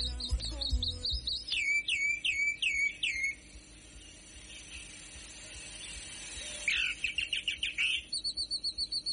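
A calandria (mockingbird) sings a varied, rapid song of repeated whistled phrases, sweeping and trilling notes in quick series, with a brief quieter pause midway before another burst of chirps and buzzy trills, played while riding in a car.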